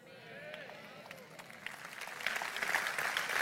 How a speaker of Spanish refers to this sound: Si le vas a aplaudir, dáselo fuerte.